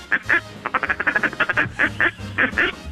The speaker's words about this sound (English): The ducks. I don't think the ducks are... They're in the water.